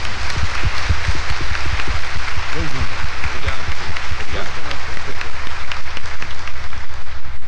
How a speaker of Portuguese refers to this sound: Então hoje nós o temos aqui como presidente da celebração, a quem queremos pedir desde já nossas palmas de gratidão a vocês.